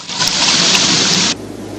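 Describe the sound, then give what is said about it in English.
Tea pours steadily into a cup, a continuous splashing gush that runs for just over a second and then stops abruptly. “Ben pours some tea.”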